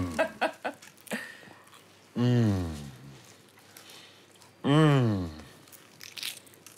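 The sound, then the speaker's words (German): A few crackly crunches of someone biting into a crunchy croissant, followed by two drawn-out, appreciative vocal sounds with quiet rustling between them. “Darf ich reinbeißen?”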